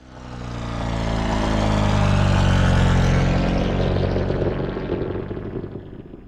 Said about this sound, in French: L'héritage familial se perpétue au début du XXe siècle, puisque ses deux petits-enfants, Louis et Laurent, inventent en 1907 les moteurs rotatifs Gnome qui ont équipé des milliers d'avions à hélice.